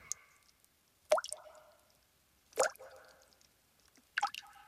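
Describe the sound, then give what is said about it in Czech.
Three small clods of earth, thrown by a fisherman, plop into water one at a time, spaced evenly with quiet gaps between, each a soft splash with a brief watery ring afterward. “Po chvíli jeden rybář vstal a začal házet malé hroudičky do vody.”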